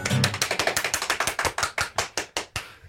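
One person claps hands in a quick, steady run of about twenty sharp claps that gradually slow toward the end, with no voices.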